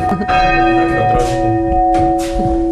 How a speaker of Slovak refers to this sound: No a týmto sa dá zvoniť. Zvony nad krajinou Spišského Horhova.